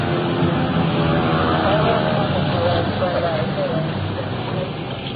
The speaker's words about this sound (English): Now, the siren is coming in pretty loud right now. I just can't talk anymore, so let's just let her roll right on in.